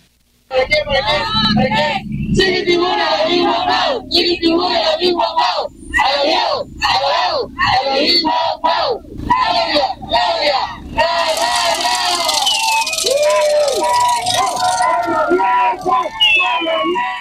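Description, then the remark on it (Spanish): A large crowd in Boca del Río, Veracruz, Mexico, cheers and chants at a rally welcoming President Claudia Sheinbaum for her second government report, chanting the name of Governor Rocío Nahle García: loud rhythmic shouted bursts with short pauses between them, then a sustained roar of many voices with scattered yells. “El nombre de la gobernadora Rocío Nale García también se hizo escuchar entre la porra.”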